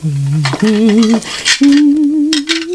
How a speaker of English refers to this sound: Guess I'll do the dishes first, then the ironing.